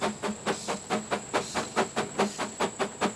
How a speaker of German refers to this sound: Das Dampfross ist, wenn es sich nicht gerade im Höhenrausch befindet, bei der Schinznacher Baumschulbahn bei Zürich zu Hause.